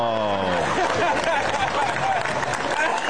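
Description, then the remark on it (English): A comedy club crowd in New York breaks into dense, steady applause after a comedian's joke, staying loud for a few seconds, with a brief vocal whoop or cheer rising out of it at the very start. “Hear that crowd? They love it.”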